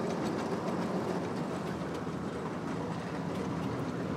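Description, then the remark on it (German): A small motor draisine (motorized rail trolley) rattles steadily along railway tracks mile after mile while the track is being checked, a dense, continuous rumble with faint rhythmic clicks running through it and a worn handbrake dragging, no voices. “Meile für Meile reißen Kevin und Elvis mit ihrer Motordraisine ab.”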